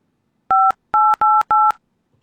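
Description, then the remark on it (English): Four loud, crisp touch-tone beeps from a telephone keypad as someone tries to dial out to another number, pressed quickly one after another, the last three nearly back to back, with no talking. “And it looks like that's not dialing either.”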